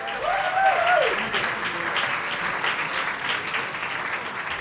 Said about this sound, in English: We're not used to that loud of an applause when we show up, you know, so... So I'm like, are y'all sure y'all in the right place?